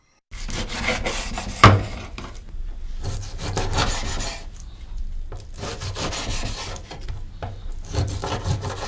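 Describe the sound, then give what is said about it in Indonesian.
A knife repeatedly slices through raw chicken, diced into 3 cm pieces with the skin side down on a wooden cutting board, producing steady rasping, scraping strokes with soft thuds and one sharper knock early on; no one speaks. “Akan lebih mudah memotong daging ayam kalau kita meletakkan sisi bagian kulitnya di atas talenan.”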